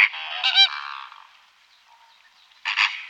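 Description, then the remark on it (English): Loud, nasal honking calls from a flock of flamingos, a burst at the start and another near the end, with a quieter chattering murmur in between. No one speaks. “But I heard them making noises a lot, and it's crazy how loud they can be.”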